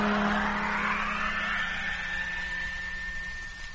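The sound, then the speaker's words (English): A loud truck engine roars and revs up, its whine rising in pitch as the vehicle pulls away, with a steady low hum underneath. No one speaks. “Yes, Jet. Motor on. And here we go.”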